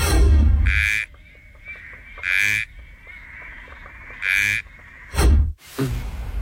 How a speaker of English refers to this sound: Here is your first frog.